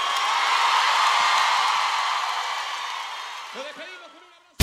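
A crowd applauds in a dense, steady wash of clapping that slowly fades, with a few rising whoops and cheers near the end before it cuts off abruptly.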